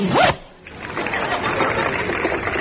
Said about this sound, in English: Yes, he's removing this rather sober pair of wool worsted black slacks, and he's changing into a pair of check trousers. And up goes the zip.